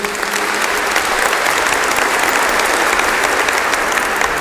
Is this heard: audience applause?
yes